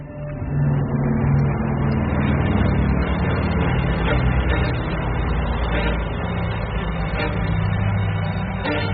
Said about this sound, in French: Au même moment, le moteur d'un B-29 résonne au loin. Curieux, Yamaguchi lève la tête lui aussi, mais il ne voit rien. Normal, l'appareil vole à une très haute altitude, il a déjà disparu.